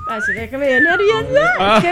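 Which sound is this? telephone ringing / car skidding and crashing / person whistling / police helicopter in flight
person whistling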